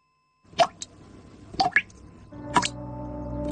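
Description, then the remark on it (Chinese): Water drips from a faucet in a few distinct plops, spaced unevenly about a second apart, clear against a quiet background with a faint steady hum. “你听，这是水龙头的叹息。 用完水要关紧，别让水滴白白洒。”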